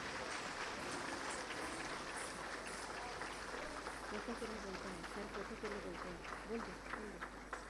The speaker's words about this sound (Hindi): ये थी कला एवं संस्कृति विभाग अंडमान एवं निकोबार प्रशासन की अद्भुत प्रस्तुति। जोरदार तालियां हो जाए।